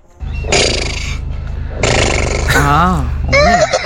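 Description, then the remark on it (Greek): A person voices a horse's neigh, a strained, wavering whinny that rises and shakes, repeated in a few loud bursts with breathy, rough vocal noise between them. “Δεν ήθελα να κάνει άλογο, ήθελα να περάσει μήνυμα.”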